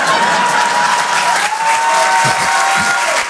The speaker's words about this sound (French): C'est-à-dire que, si vous voulez applaudir, faites-le en groupé!